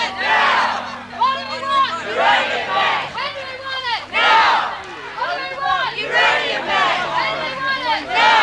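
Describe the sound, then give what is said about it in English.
A crowd of protesters circling a high-security area at a mine site, holding balloons and banners, chants together in loud, rhythmic waves of many voices, rising and falling in repeated surges with a steady hum underneath. “Protesters have formed a circle around the high security area, and they're now moving around, most people holding balloons and banners, and chanting, as you can hear in the background.”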